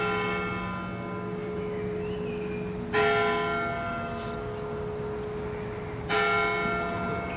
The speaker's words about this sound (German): Während die 11 Uhr Glocken der Everdinger Stadtpfarrkirche läuten, umkreisen wir die Kirche und betreten sie von der Nordseite.